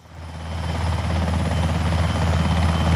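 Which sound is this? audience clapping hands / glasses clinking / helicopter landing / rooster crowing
helicopter landing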